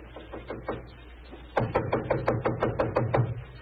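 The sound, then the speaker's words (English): Knocking on a wooden living room door: a few soft, spaced raps, then a louder, quicker run of about ten sharp knocks, with no voices. “It gave me a strange feeling as I raised my hand to knock on what once had been my own living room door.”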